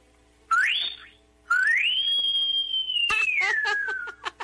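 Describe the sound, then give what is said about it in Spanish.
A person whistles two rising notes as a farewell on a Globo 98.7 radio show: a short upward chirp, then a long tone that climbs and slowly slides back down, ending as laughter breaks out. “Ya despídanos con un chiflido.”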